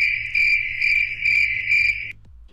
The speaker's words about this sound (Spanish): Seguimos en vivo con estos grillos y con este playlist vintage a través de la mejor FM 100.1.